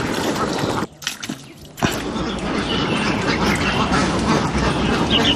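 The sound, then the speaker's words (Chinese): A large flock of herded Ma ducks quacks continuously in a dense, overlapping chorus, loud, with a brief lull near the start before the clamor swells back and carries on steadily. “20世纪80年代初，10多岁的杨国云也扛上鸭棚，赶着鸭子跟着父辈们出发了。”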